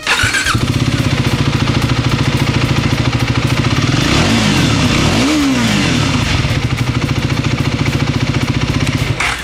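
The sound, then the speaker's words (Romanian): A motorcycle engine starts up and runs loud, settling into a steady rumbling idle, with a couple of quick revs in the middle that rise and fall in pitch. “Și dacă chiar și pentru motocicleta asta voi continua să aud din partea publicului comentariile cu care m-am obișnuit, știți voi, cum că noi motocicliștii suntem donatori de organe,”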